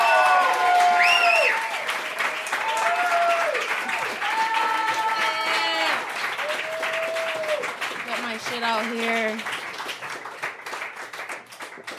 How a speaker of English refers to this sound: So start clapping right now